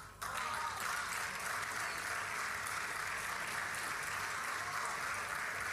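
An audience breaks into sustained applause during a speaker's remarks on the coming election year and the economy, a dense wash of many hands clapping at a steady, loud level for several seconds, with no voices standing out.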